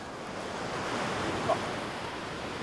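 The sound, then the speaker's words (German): Ocean waves wash and break in a steady, continuous roar of surf at a spot where beginners are surfing, with a faint breezy hiss over it and no voices. “Sogar bei den Wellen.”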